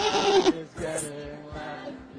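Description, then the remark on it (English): A goat on a stage bleats loudly in a short, wavering cry, followed by a softer, trailing bleat against faint background noise. “Somebody, there's a goat on stage. Get it. Get the goat. Like the actual animal.”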